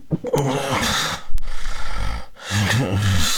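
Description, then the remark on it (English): Loud, irregular snoring of a person with obstructive sleep apnea while asleep, with rough, strained breaths, broken by a brief silent pause in breathing before another harsh, rattling snore resumes. “very uncomfortable sounds of breathing while sleeping”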